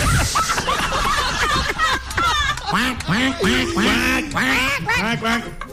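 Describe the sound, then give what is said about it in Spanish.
A duck quacks loudly and rapidly in a continuous, chattering run of nasal calls, with overlapping quacks that suggest more than one bird. “¡Pato!”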